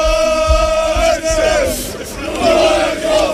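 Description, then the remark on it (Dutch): A loud crowd of NEC football supporters from Nijmegen cheers and chants in unison after a win, a sustained sung tone rising over thumping beats and roaring voices, swelling again toward the end. “Mooi horen hoe blij ze waren.”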